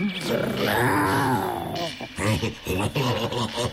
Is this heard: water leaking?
no